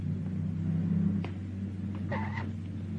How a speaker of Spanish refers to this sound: Se observa al carro rojo cubierto de barro. El carro se detiene en la frontera donde policías revisan. Un policía se acerca por la ventana del copiloto. El policía se aparta. El carro retrocede saliendo de la ruta.